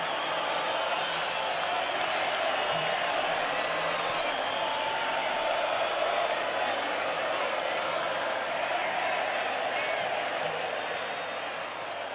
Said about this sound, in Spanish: Ahí estamos buscando, gracias los aplausos, le agradezco mucho.